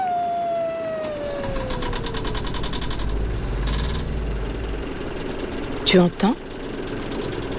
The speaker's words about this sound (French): C'est le son du Vaporetto. Le Vaporetto, c'est un peu l'autobus des habitants de Venise. Mais un autobus sur l'eau.